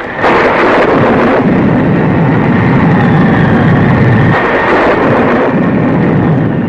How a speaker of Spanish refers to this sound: El cielo se iluminaba con relámpagos cegadores y la lluvia azotaba la selva con viento huracanado.